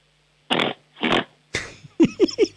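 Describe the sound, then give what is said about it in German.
A voice imitates a pig during a noise-making game, starting with two long, breathy snorting grunts and then a quick run of four short, harmonic oinks. The mimicry is fairly loud, with no talking. “Ich hätte gerne, dass du grunzt wie ein Schweinchen.”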